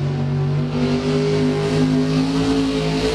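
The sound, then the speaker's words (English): A heavy truck engine roars and revs continuously at high load, its loud droning harmonics wavering and climbing in pitch as it strains, with no voices present; a truck and tractor pull at the Coshocton County Fair. “Truck and tractor pulls.”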